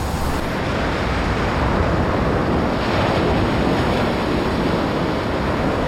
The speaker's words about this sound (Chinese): 这里狂风呼啸，风速通常可达每小时110公里。